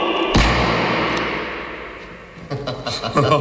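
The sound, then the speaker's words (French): A single sharp revolver shot cracks out inside a strongroom with metre-thick walls and no basement window, its boom ringing and decaying slowly, before a man starts talking. “Tiens, passe-moi ton revolver,”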